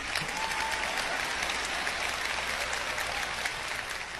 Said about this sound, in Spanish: Si va a aplaudir, hágalo bien.